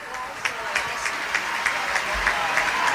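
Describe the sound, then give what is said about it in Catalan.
A crowd of fans in the stands, including the supporters' section, applauds steadily as Alexia returns their applause: a dense wash of many hands clapping with brief louder bursts standing out every fraction of a second, sustained at an even level throughout. “Alexia, que els hi torna els aplaudiments.”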